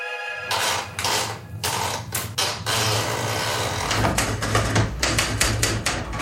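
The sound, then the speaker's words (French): A police officer types on a typewriter loaded with a sheet and carbon paper: sharp keystrikes clatter in irregular bursts over a steady low hum, with a few louder carriage-like clunks punctuating the typing. No one speaks. “Un policier glisse une feuille et papier carbone dans sa machine à écrire. Il commence par taper son titre et son nom.”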